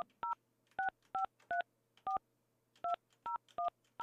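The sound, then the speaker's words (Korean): A telephone number being dialed to call another person: nine sharp, two-tone keypad beeps in an uneven rhythm, each short and clear, with a faint low hum underneath and no voices. “그러면 다른 분을 한번 전화를 예. 해보겠습니다.”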